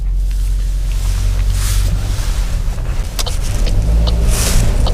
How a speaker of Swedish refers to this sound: Då startar vi bilen på 19,0 meter, ska vi fara och se på nytt hur det ser ut andra varvet.